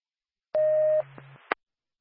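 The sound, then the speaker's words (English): A dispatch paging alert tone, the second tone for the Lancaster ambulance to 49 Mechanic Street in Lancaster, for a 92-year-old male with a head injury: a loud, steady electronic beep lasting about half a second, then a lower hum under radio static, ending in a sharp click. “Bad Lancaster ambulance. Second tone, 49 Mechanic Street, now a 17 Delta, 92-year-old male, phone with a head injury.”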